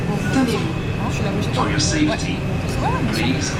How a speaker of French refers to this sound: Alors, on rentre dans le métro, direction, on s'arrête où? À Ouchy. Ah, Ouchy, ouais.